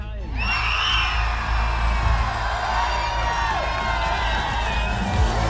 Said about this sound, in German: So, und es sind nicht die 9 mehr, die wir hier haben, die jubeln, sondern hunderte glückliche Menschen in Oetigheim auf dem Platz hier vor dem Rathaus. Unglaublich.